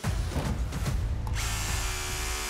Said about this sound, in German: Ja, der Bohrer ist durch, ein Eisen drunter. Wir haben genau dort, wo wir das Zeichen gemacht haben, natürlich ein Armierungseisen drunter.